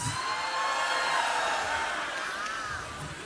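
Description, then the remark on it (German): An audience at a live quiz show cheers and shouts for the first of three answer options, in a dense, steady roar with a few higher voices riding on top, lasting about three seconds before easing off slightly. “Es wundert mich, dass da einige gejubelt haben.”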